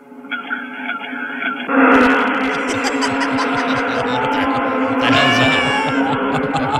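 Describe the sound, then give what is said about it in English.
A single voice imitates students being stung by yellowjackets: a quieter hum gives way to loud, continuous yelps, whimpers and wavering cries that jump in pitch near the end. “Students being stung by yellow jackets.”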